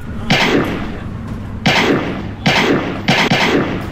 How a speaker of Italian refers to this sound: Che è sto casino, ragazzi? Ancora stiamo festeggiando lo scudetto del Napoli, pistolettate in aria.